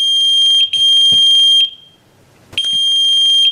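A pager beeps loudly, sounding a shrill, high-pitched electronic tone in sustained bursts, pausing briefly into near silence before the alarm resumes.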